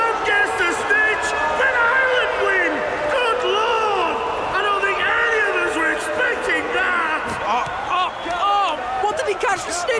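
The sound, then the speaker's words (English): A loud, dense crowd of Irish supporters roars and screams continuously as Ireland wins the match, many overlapping high-pitched voices cheering and whooping together in a big stadium, sustained for the whole stretch without a pause. “the rumbling from the island supporters grew louder and louder and erupted into screams of delight.”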